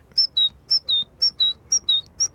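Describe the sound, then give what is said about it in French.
A whistled imitation of a great tit call: bright, high two-note phrases, higher then lower, repeated about five times in a steady, even rhythm, clear with no talking. “L'oiseau le plus commun qu'on puisse entendre, c'est la mésange charbonnière. Et elle, elle fait...”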